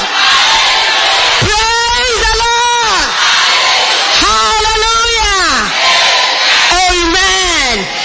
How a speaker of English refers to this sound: Oh, come on, lift your hands up and give God a shout of praise. There, a clap to praise the Lord.